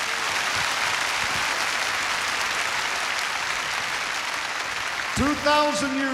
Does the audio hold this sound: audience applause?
yes